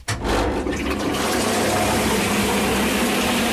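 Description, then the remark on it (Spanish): A machine grinding wet paper into pulp for papermaking starts abruptly and runs as a loud, steady, watery whirring roar, with no one talking over it. “Y va a hacer un poco de ruido, vale. Pero luego vamos a salpicar.”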